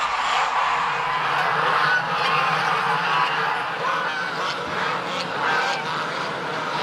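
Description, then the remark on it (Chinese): A flock of geese honks almost without a break as a big mother goose is caught, loud overlapping nasal calls forming a dense, steady din that runs the whole way through with no voices on top. “好，走上来，我抓了一个大母鹅，三天的鹅，抓了一个大老鹅，抓两个。”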